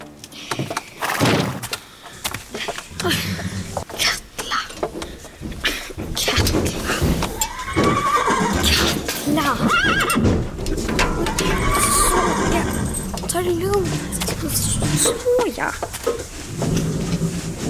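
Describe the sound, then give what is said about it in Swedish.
A horse whinnies several times in wavering bursts, mixed with heavy hoof thuds and knocking sounds, with a busy, fairly loud background throughout. “Och vem behöver 15 vita hästar när man har dig, Fjala?”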